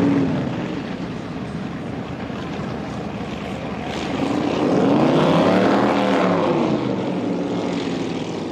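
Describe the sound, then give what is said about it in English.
A loud, droning engine roar builds and sweeps past, its pitch rising then falling like a racing powerboat passing at speed, reaching a top speed of 84 miles per hour on the pass, with no talking over it. “Been a few issues on that pass. Yeah, absolutely. Never really up to speed, never really took a set.”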